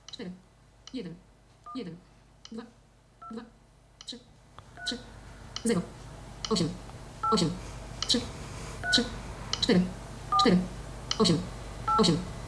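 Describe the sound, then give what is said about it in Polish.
Phone keypad dialing tones beep as a call to Tyflo Radio is dialed, a steady, evenly spaced series of about sixteen short presses, each one clear and fairly loud, with a low background hum growing in partway through. “No to zaraz będziemy dzwonić, słuchaj. Tak. Przyciski. Spróbujemy zadzwonić do Tyflo Radia.”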